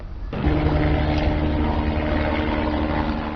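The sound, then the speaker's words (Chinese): A loud, steady droning aircraft engine starts abruptly and holds a constant pitch, from firefighting helicopters and water-bombing planes repeatedly drawing water from ponds to fight wildfires in Agrigento province, west-central Sicily, Italy; no voices. “而在意大利西西里岛中西部阿格里真托省的灭火行动仍在继续，随着23日气温下降，火情略有好转，多架洒水直升机及消防飞机不断从池塘内取水灌救，当地消防员已累计展开超1000次行动。”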